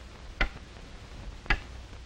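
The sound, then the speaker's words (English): Two crisp, evenly spaced clock ticks about a second apart, sharp, over a quiet low hum with no voices. “That is one of the reasons why that clock ticked off a traffic accident in this state every 20 minutes.”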